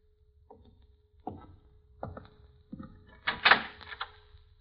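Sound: door being opened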